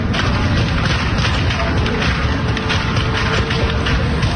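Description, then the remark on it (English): Rapid bursts of gunfire crack through a harsh, distorted roar of noise, the shots coming in irregular, loud clusters as law enforcement engages an active shooter. “Videos circulating on social media of law enforcement engaging with gunfire.”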